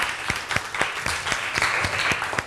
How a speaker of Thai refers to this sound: โอเคขอเสียงปรบมือให้เพื่อนหน่อยครับ